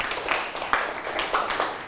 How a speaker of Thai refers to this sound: ถูกต้องปรบมือให้เพื่อนนะครับ